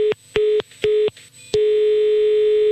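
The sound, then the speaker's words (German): A steady electronic telephone tone after a phone call is hung up pulses in three short beeps with gaps, then holds as a continuous line tone until the end, fairly loud and alone with no voices. “Und Sie sehen jetzt zu, ich werde jetzt auflegen.”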